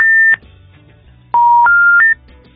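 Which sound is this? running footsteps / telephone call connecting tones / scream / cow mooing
telephone call connecting tones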